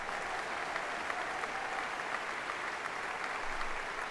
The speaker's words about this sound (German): Unterdessen, das hören Sie, brandet der Beifall hier im Saal immer wieder auf und die Dirigentin Karina Kanellakis strahlt. Ein verdienter Dank des Publikums für ein großartiges und berührendes Konzert.